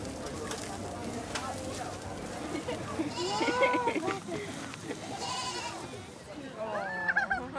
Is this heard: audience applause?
no